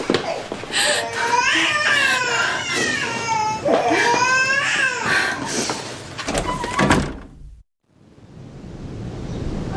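A baby cries loudly and continuously for about seven seconds, with wavering, rising and falling wails. The crying cuts off abruptly and a steady, soft hiss follows.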